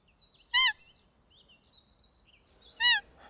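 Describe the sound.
A hunter blows two short, loud, reedy whistles mimicking a female roe deer's squeaky fiep call to lure roebucks during the roe deer mating season, about two seconds apart, while faint birds chirp in the background.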